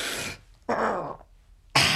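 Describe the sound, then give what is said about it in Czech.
A red deer stag's rut roar: a short, hoarse, guttural bellow between bursts of rough breathy noise, loud, with no one speaking. “Už troubějí.”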